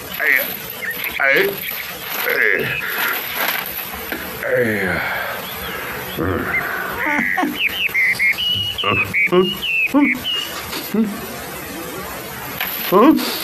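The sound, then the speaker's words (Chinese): A cartoonish woodpecker effect: quick bursts of rapid, rattling pecking mixed with whistly bird chirps and swooping calls, fairly loud, with busy animated sounds around it. “妖怪，妖怪！啄木鸟啊！”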